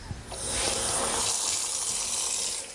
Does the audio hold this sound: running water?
yes